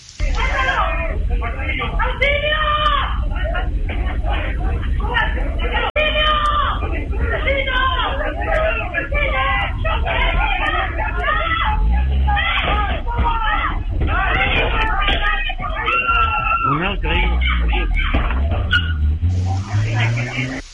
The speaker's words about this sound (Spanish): Claro, se escucha ahí primero los gritos de auxilio de las víctimas, los golpes de estos objetos contundentes lanzados y también la huida de estos delincuentes finalmente.